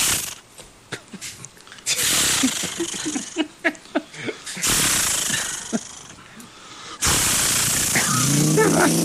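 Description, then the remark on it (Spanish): Someone mimics a chainsaw with their voice: a few breathy sputters and choppy rhythmic bursts as it tries to start, then a loud, steady, raspy roar as it runs. “No, es una motosierra. Que hay que prenderla.”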